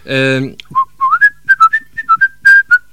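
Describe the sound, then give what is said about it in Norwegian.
A person whistles a hen-calling tune, a quick run of short, clear notes, right after a brief sung A note. The pitches step up and down in a bouncy rhythm. “Ja, kan de plystre på sine høner tostem da?”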